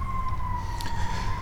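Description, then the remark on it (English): A steady siren tone of emergency vehicles, a fire truck, passing on West Maple Road drifts from far away, sustained and slightly wavering over a low rumble of traffic and outdoor ambience, with no one speaking. “Far off in the distance, I can hear sirens of emergency vehicles passing on West Maple Road.”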